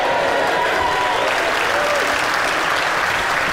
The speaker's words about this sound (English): A room shouting shame because it's so obvious.